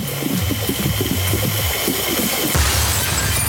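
A fuel tanker (Bowser) explosion sound effect from a fuel-pumping game: a steady mechanical pumping hum as fuel is pumped, then a sudden loud rushing blast as the Bowser goes boom, roaring to the end, with no talking.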